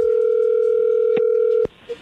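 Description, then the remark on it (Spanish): A steady, unbroken telephone dial tone, as a call is being dialed, hums loudly for about a second and a half, with a brief click midway, then stops abruptly on another click, leaving near silence. “Adelante, el lobo, ahí se está marcando, no haga ruido.”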